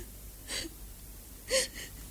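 A person overcome with emotion cries: two quiet, breathy sob-like gasps about a second apart, the second sharper, with a faint whimpering catch in the voice and no talking.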